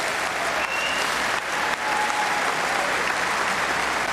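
Steady, loud applause from an audience, a dense wash of many hands clapping at once that holds evenly for several seconds with only brief dips.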